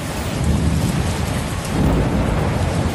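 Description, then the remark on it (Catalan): Heavy rain pours down steadily in a thick wash of noise while deep thunder rumbles low underneath, swelling in the second half, during a violent downpour in the Camp de Tarragona. No voices. “Deies, Carbó, un dels llocs on més violència ha plogut ha sigut al camp de Tarragona.”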